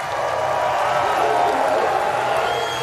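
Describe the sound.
An audience, rival skiers among them, applauds and cheers as skier von Allmen finishes his run in 1:25.32. The clapping and crowd noise form a dense, steady roar that holds at an even loudness throughout, with a voice speaking over it.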